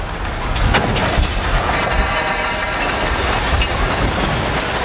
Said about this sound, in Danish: Det var et 50 meter langt stillads, der omkring klokken 5:30 i aftes væltede og rev flere elledninger ned på kørebanen. Det lød sådan her.